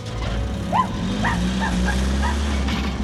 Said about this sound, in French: Ce chien est devenu fou. Regardez-le poursuivre ce camion. C'est curieux, d'habitude, il ne quitte jamais son maître.